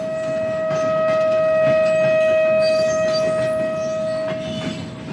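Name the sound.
train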